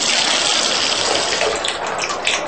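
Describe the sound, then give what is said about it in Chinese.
A tap at a washroom basin is turned on and runs steadily at full flow, a continuous hissing gush of water splashing into the basin, fairly loud, with no voices. “凯塞斯撒完尿出来，看见江姐立在盥洗台前，面带笑容，率先替她拧开了水龙头， 请。”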